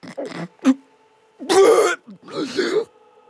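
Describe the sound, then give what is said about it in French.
A voice imitates an ogre's terrible hiccups: a few short, sharp vocal catches, then two longer, loud, rasping throaty bursts with brief pauses between them, no talking around them. “Les petites ogresses dans son ventre, l'ogre a eu un hoquet terrible.”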